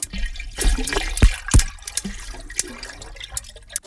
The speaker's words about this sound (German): Naja, und um Ihren Ohren mal zu zeigen, wie ein Hai so klingt, wenn er lebendig ist, habe ich mal gesucht und gefunden. Das hier sind so Haigeräusche, die klingen so knackartig.